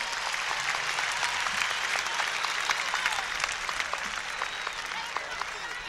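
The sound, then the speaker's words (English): A large crowd gives itself a round of applause, clapping steadily and continuously, a dense wash of hand claps with scattered sharper individual claps throughout, sustained at an even level for the whole stretch. “Let's give ourselves a great round of applause.”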